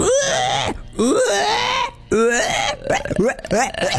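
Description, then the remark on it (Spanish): A person repeatedly imitates a pig's squeal with the voice, producing several loud, strained, rising squeals separated by brief pauses. “Es muy difícil hacer el cerdo, chico.”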